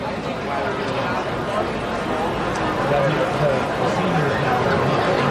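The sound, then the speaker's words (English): A steady wash of crowd chatter fills the ballpark at Duncan Park during a Wednesday night baseball game, many indistinct voices blending into a constant, even murmur with no single speaker standing out. “Another solid Wednesday night crowd.”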